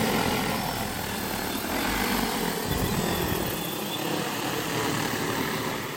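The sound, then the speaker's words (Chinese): A steady, loud propeller buzz from an agricultural drone hovering while feeding shrimp over a shrimp pond in Xisi town, a dense whirring drone that holds level throughout with no voices. “今年刚引进了无人机喂虾，这一下就让养虾效率翻了好几番。”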